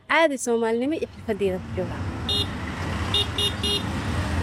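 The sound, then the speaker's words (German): Dense street traffic at the K4 junction in Mogadishu, with motorized three-wheelers, trucks and cars: a steady low engine rumble, punctuated by several short, bright horn toots and a longer blaring horn near the start. “Hier am K4, dem wichtigsten Verkehrsknotenpunkt, schieben sich motorisierte Dreiräder, LKWs und Autos Tag und Nacht durch den Verkehr.”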